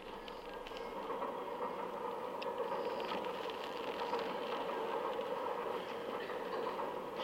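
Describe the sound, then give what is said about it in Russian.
Steady, muffled rumble inside a moving passenger train compartment on the Moscow–Odessa train, a continuous droning roar of the carriage with faint rattles over it, even in loudness throughout and no voices. “Купе вагона в поезде Москва-Одесса.”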